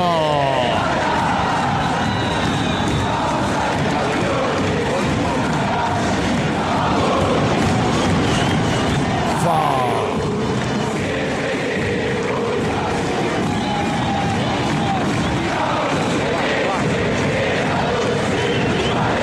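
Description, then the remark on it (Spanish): A large crowd of Argentine football fans chants and shouts together in a stadium as the Boca and Sarmiento teams take the pitch. A steady, loud roar holds for the whole stretch, voices rising and swelling in unison with no pause. “Extrañábamos estos gritos del fútbol argentino, ¿no?”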